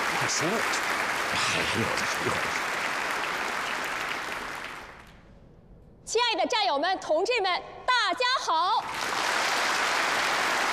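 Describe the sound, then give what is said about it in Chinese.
A crowd applauds steadily to welcome the start of a performance, the clapping fading out midway; after a brief lull, a bright, melodic voice rings out for a few seconds before the applause swells back up. “大家鼓掌，欢迎演出正式开始。”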